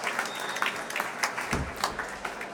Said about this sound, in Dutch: En nu komen Gendreis en Lahav Shani langzaam de trap op naar boven. Afscheid nemen van een dankbaar publiek dat hier op het podium, naast de trap, opnieuw weer applaudisseert voor deze twee.